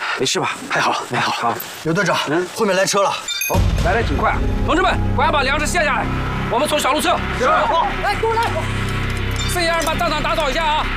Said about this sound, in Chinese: 后面来车了。 哦，来挺快啊！